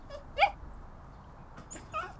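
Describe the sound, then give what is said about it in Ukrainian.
A small dachshund named Alf, under the stairs with its front paws tangled in its leash, whimpers softly, letting out a few short, high-pitched whines spaced over a couple of seconds, quiet, with no voices around. “Нам досить тісно тут із таксою вдвох, але я можу легенько погладити собаку за вушком.”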